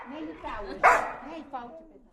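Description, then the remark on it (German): A single sharp, loud dog bark bursts out near the middle, with a voice talking around it before and after. “Gut möglich, dass in den nächsten Jahren mehr Schweizer Unis auf einen Hund kommen.”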